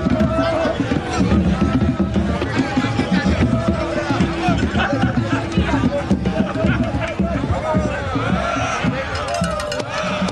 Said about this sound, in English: crowd goes wild. And for everyone there, it's the confirmation that the Abakwa is obviously an extension of their own culture.